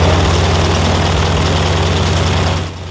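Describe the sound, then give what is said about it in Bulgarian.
A loud, steady biplane engine drones with a deep rhythmic throb and airy roar, then drops away abruptly near the end. No voices. The biplane carries a 97-year-old British woman strapped to its wings on a record-setting wing-walking flight. “Първият регистриран рекорд за най-възрастна жена летяла здраво прикрепена на крилата на самолет двуплощник е от преди 4 години.”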